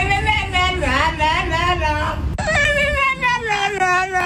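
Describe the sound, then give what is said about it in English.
Sunny, a 12-year-old French bulldog in Amsterdam, yowls and warbles in long, sliding, sing-song tones, its pitch wavering up and down through two continuous stretches of vocalizing, loud and almost talk-like. “A very talkative French bulldog in Amsterdam is going viral online.”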